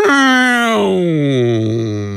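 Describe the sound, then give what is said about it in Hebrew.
A voice imitates an ambulance passing by, a sustained wailing tone that slides steadily downward in pitch over about two seconds, mimicking the Doppler drop, loud and alone. “נגיד, יש לנו דוגמה של אמבולנס או מכונית שעוברת לידינו, ואנחנו שומעים”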